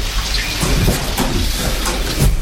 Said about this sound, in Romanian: M-a trezit furtuna.